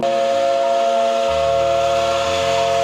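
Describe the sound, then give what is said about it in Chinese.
A small tourist train's steam whistle blows loudly and continuously, a steady high-pitched tone over hissing steam, with a deep rumbling undertone shifting partway through; no one speaks. The train puffs white smoke as it slowly enters a sunflower field at Duanjiawan in the Yangsuolu Lake scenic area, in light rain. “汽笛再次响起，小火车冒着白烟缓缓驶入向日葵花海，细雨蒙蒙，游客们纷纷举起手机定格美景。”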